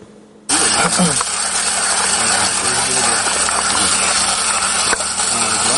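Coffee beans are being ground: after a brief quiet moment, a loud, steady motorized whir with gritty rattling kicks in abruptly and continues without letup.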